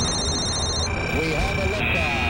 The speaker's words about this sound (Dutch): Het alarm klinkt. Dat betekent dat wij het spelletje gaan spelen.